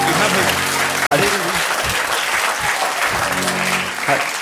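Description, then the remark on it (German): An audience applauds in a loud, dense, steady wash of clapping that lasts throughout, broken only by a split-second gap near the start, with some voices audible underneath. “Da brauche ich sie gar nicht klatschen, das wäre ja blöd, so aufzuhören.”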